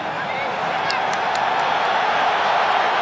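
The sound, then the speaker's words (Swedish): A Spanish stadium crowd at a Spain versus Cape Verde football match roars steadily and loudly for the whole stretch as Spain wins corners, a dense wash of cheering with a few brief, sharp shouts or whistles rising above it. “Och sen spanska publiken verkligen trycker på.”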